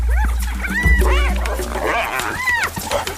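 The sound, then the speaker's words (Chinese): A large pack of African wild dogs yipping and twittering in rapid, overlapping high-pitched chirps while fighting two spotted hyenas over prey and losing ground, fairly loud, over a low rumbling background. “他们都在努力争抢猎物。现在非洲野犬落入下风。”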